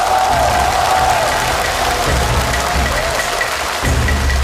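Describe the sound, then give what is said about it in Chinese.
Steady audience applause welcoming the famous Peking opera performer Wang Peiyu onto the stage, a dense, even wash of clapping with a faint crowd murmur and a thin sustained musical tone running through it. “接下来让我们掌声欢迎著名京剧演员王佩瑜老师，有请。”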